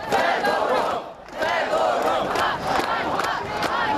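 A large crowd of young Ukrainians chants loudly in a square in Kyiv, many voices shouting "Shame, shame" in a steady rhythm in protest at the sacking of a minister, with a brief dip before the chanting surges back.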